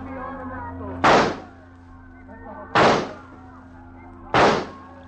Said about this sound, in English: You're going to shoot him? Now. Nobody will hear the shots.